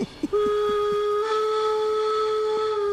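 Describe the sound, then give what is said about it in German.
A model steam locomotive whistle sounds one long, steady high-pitched blast lasting several seconds, preceded by a few quick chuffing puffs of the engine. “Vereinskollege hatte schon so eine Lok und dann habe ich mir gesagt, sowas möchtest du auch.”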